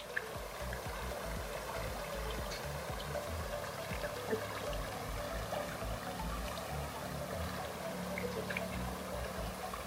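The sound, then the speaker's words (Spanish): Steady bubbling water runs throughout, a continuous gurgle with small splashy pops scattered on top, no voices, at an even, moderate loudness. “En este espacio, el sonido burbujeante del agua de verdad que produce una sensación de calma y tranquilidad.”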